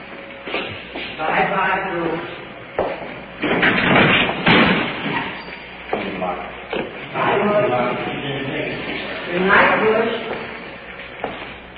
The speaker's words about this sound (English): Headed to the cell block for the prisoner. Jailer's opening the door for us. Prisoner's placed in the cell. Secure.